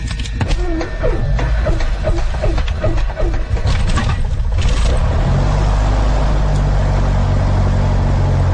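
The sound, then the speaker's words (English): The engine of a Piper Archer II light propeller plane cranks with a rapid, uneven chugging for several seconds, then catches and settles into a loud, steady rumbling roar, at Great Barrington Airport in Great Barrington, Massachusetts, in cold weather. “Okay, now we're going to start the engine.”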